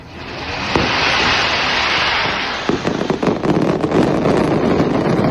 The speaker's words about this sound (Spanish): se ha celebrado la tradicional DIT del Alba con el disparo de la Gran Palmera y la guerra posterior de carretillas